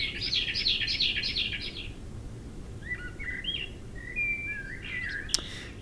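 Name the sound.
common blackbird song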